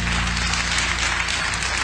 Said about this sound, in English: I'm going to give the Lord a hand clap of praise. Amen.